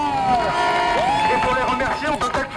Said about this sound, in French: et c'est l'occasion de faire un tonnerre d'applaudissements pour nos camarades des cantines qui, une fois de plus, nous régalent.